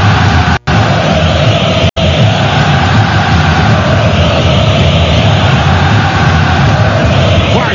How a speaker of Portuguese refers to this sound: A torcida do Atlético num grito muito forte, numa explosão muito grande.